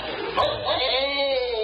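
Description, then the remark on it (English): A dog at a circus, scared by a cow, barks and yelps loudly, its cries rising into a drawn-out, whining howl over a busy, noisy background. “The cow scared the dog.”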